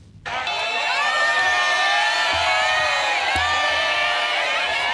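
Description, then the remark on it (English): A large crowd in the streets of Bangkok, Thailand, cheers and shouts continuously outdoors as former Prime Minister Thaksin Shinawat is released from prison on parole, a dense wall of overlapping voices and whoops that starts abruptly and stays loud throughout, with occasional low thumps beneath. “Crowds filled the streets of Bangkok to catch a glimpse of Thaksin Shinawat being released from prison on parole.”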